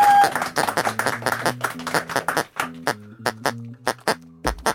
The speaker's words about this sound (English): Thank you so much, dads. Got a big round of applause there for you. You're awesome, awesome dads.